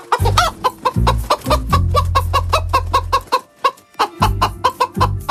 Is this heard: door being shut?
no